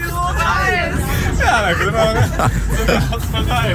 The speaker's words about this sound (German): Also wir sitzen nicht im Zug, der rollt, wir sitzen im Bus, der rollt. Es geht los Richtung Radiopreis.